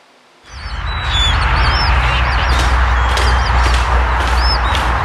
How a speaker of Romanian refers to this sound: păsări flamingo filmate pe malul lacului Techiurgiul este o chestiune de timp până o să apară ca populație rezidentă, spun specialiștii.